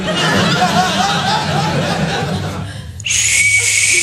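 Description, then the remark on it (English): Audience laughter fills the first few seconds, then a piercing, loud blast from a personal safety (rape) whistle with a tassel attached cuts in abruptly and holds steady, shrill and sustained until the end. “I've been putting tassels on stuff. I have one on my lighter. I just put one on my rape whistle.”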